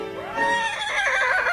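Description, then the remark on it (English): A person imitates the whinny of a horse like Farlap: a high, wavering, harmonic voice that rises and then trembles rapidly, loud, with no other sounds around it. “It always gonna be a horse like Farlap.”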